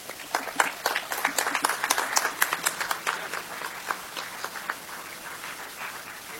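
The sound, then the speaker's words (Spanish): An audience applauds with a burst of many sharp overlapping claps, strongest early on and thinning out toward the end, with no one speaking. The applause is at a Scouting America ceremony, for a scout from Troop 14 who is about to lead the Scout Law. “Un aplauso para él también.”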